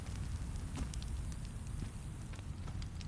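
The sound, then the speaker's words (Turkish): A fire crackles steadily with scattered sharp pops over a low, constant roar. The sound is continuous, with no voices. “Ateşi görünce evini mi özledin?”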